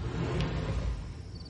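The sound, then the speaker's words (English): A custom soft-close California Closets drawer glides shut with a low, smooth rumbling slide that gently eases off toward the end, finishing softly without a bang. No voices are heard. “And now, the California Closets version of that moment, featuring custom soft close drawers.”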